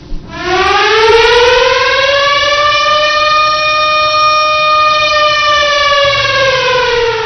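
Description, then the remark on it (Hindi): A civil defense air raid siren sounding at 7 o'clock for a civil defence blackout mock drill in Patna, Araria, Kishanganj, Begusarai, Purnia and Katihar districts wails steadily, its tone rising at the start and then holding a long, loud, sustained note with rich harmonics, with no voices present. “घड़ी की सुई में जैसे ही 7 बजे सायरन की आवाज से पटना, अररिया, किशनगंज, बेगूसराय, पूर्णिया और कटिहार जिले में जनजीवन थम सा गया।”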